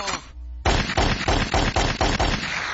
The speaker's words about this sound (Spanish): ¡Suelten los balazos, vato!